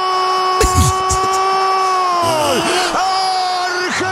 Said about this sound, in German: Er schreit immer noch. Und wie lange geht das noch so?